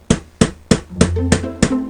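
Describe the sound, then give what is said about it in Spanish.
Six sharp, loud hammer strikes on metal land in a steady rhythm, each leaving a ringing metallic tone that lingers and builds between blows. No voices. A craftsman is hammering metal on Tverskoy Proyezd street in Klin. “Los golpes de martillo no paran de sonar desde las 7 de la mañana hasta por la noche en la calle Tverskoy Proyezd.”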